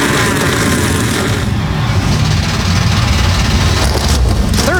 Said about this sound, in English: NASCAR Cup Series machines come to life for the first time in 7 years. We're about to put the green flag in the air in Chicagoland.